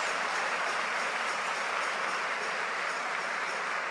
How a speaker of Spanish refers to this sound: Y denle un aplauso al Rey de Reyes y al Señor de Señores. Más fuerte ese aplauso para Dios.